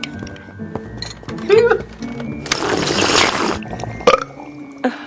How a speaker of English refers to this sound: She sighs in disgust at her father slurping his cereal milk directly from the bowl.